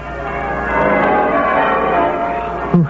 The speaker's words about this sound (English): A bright, shining morning, and the bells of the town pealing out there beyond his window.